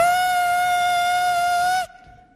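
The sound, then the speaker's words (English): A voice imitates a whistling kettle of water heating on a stove burner: one loud, steady, piercing whistle held for nearly two seconds, then cut off abruptly into near silence. “And then I realize, the kettle on the fire.”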